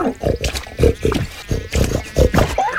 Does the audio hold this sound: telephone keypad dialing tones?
no